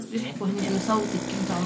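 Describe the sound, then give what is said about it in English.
A vacuum wound dressing machine runs with a steady mechanical whir and hiss during a child's wound dressing, while a person talks over it throughout. “Amid the sound of a vacuum dressing machine, her mother, a school teacher, encourages the girl to tell us what happened.”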